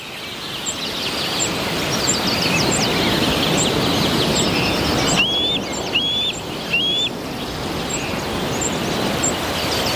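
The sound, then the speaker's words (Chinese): Three short, high-pitched rising calls of a juvenile bald eagle, about 11 weeks old, perched on a branch, sound one after another over steady rushing background noise, with fainter chirps scattered around them. “白头海雕正站在枝头俯瞰四周”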